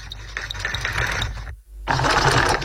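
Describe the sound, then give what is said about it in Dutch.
A Singer sewing machine runs with a fast, steady mechanical clatter, stops abruptly for a moment, then starts stitching again at the same brisk rhythm. No voices. “Een Singer, naaimachine, ja.”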